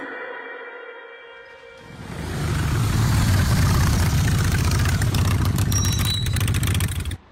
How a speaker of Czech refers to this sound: Ujel mi autobus.